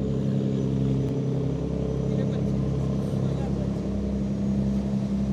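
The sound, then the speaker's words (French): A large cargo boat, 80 metres long, 9.5 metres wide and 1,426 tonnes empty, has an engine that rumbles in a steady, deep drone with a constant low hum that neither builds nor fades, continuous throughout. “Je crois que c'est un bateau français parce qu'il n'est pas propre.”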